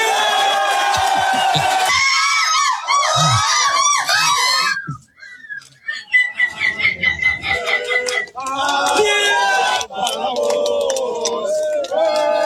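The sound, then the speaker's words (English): Human voices imitate seagull calls at a seagull calling contest: loud, shrill, wavering squawks and laughing cries in quick bursts, with a crowd audible in the background. “It is the seagull calling contest, like who imitates the seagull the best.”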